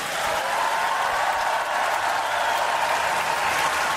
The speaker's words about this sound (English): After being greeted with a long applause, Petr Pavel said festivals such as Colors of Ostrava, the Karlovy Vary International Film Festival, and Slovakia's Pohoda offer something increasingly rare